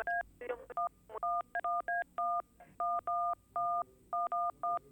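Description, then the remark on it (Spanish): A rapid series of telephone keypad tones, about a dozen short beeps punched in quick irregular bursts, clear, with faint background noise between presses. “Que suene el teléfono.”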